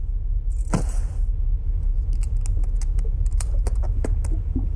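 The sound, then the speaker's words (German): A key being tried in a locked suitcase aboard a ship: a brief rustle and jingle of keys, then a run of small, irregular metallic clicks and scrapes, with no voices. “Aber wie willst du denn im Koffer nachsehen? Der ist abgeschlossen. Ach, lass mich mal sehen. Gib mal deinen Schlüssel.”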